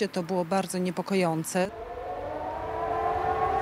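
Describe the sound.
A person speaks briefly, then an air raid warning siren in Warsaw, Poland, part of a test series, starts: a steady, loud wail whose pitch slowly climbs and keeps rising to the end.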